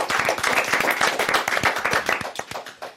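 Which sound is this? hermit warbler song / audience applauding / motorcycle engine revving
audience applauding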